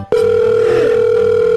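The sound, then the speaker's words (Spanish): A click, then a steady, unbroken dial tone drones at a single mid pitch for over a second after the line goes dead, with a faint low pulsing underneath. No one speaks. “¿Por qué me cuelga?”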